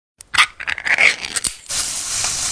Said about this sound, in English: Oh, hear that? That's the Spam brand singing you a love song. Spam, sizzle, pork, and mmm.